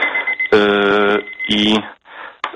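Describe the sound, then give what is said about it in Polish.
A kitchen timer signalling the end of tea steeping time beeps out two loud bursts of buzzy electronic tone, the first longer than the second, followed by brief quieter rustling. “Nie, to nie był budzik, to był czas zaparzania herbaty.”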